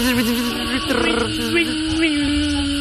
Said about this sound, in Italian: Ma solo con la parte inferiore del corpo, la cicala giapponese? Hai sentito che suono produce? Pazzesca.